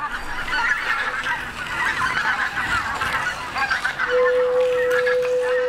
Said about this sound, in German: Sabine Vogels Tonloch ist ein Werk für Keramikflöten, Flöten, Zuspiel und Video projiziert auf Ziegel in einem Aquarium. Sämtliche Zuspielaufnahmen hat Sabine Vogel in den Paritzer Erdlöchern in Brandenburg aufgenommen.